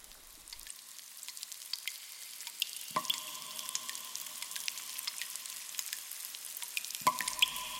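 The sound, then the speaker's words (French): Steady fizzing rush of a stream gushing out of a cave, with scattered drips echoing in the cave, two louder ringing plops standing out near the middle and end; no voices. “La grotte d'où jaillit le ruisseau.”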